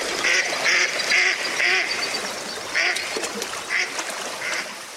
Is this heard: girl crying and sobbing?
no